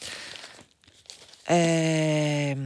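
Newspaper pages rustle and crinkle for about a second and a half as someone searches the press for an article by Maurizio De Giovanni on page 11, with a brief pause, before a loud, steady droning tone abruptly takes over.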